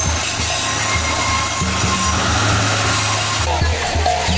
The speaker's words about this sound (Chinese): 聊得起劲时，远处传来的汽笛声将话题打断。待火车慢悠悠驶过，人群恢复常态，小镇生活的戏码继续上演。